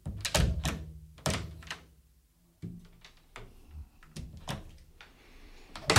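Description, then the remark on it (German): Heavy knocks on a wooden cabin door: a quick loud burst of three or four thuds, then softer, scattered knocks over the next few seconds, with no voices. “Als ich gegen 9 endlich wieder in meiner Kabine saß und ein Beruhigungswhisky nahm, klopfte es.”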